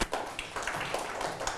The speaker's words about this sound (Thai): ถูกต้องปรบมือให้เพื่อน